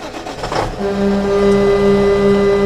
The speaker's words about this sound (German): Zug.